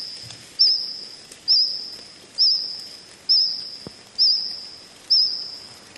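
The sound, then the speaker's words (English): A cricket sings in a steady, high-pitched trill, with a brief accented pulse repeating roughly every second over a quiet background and no talking. “Sounds more like a cricket, probably singing close to the ground.”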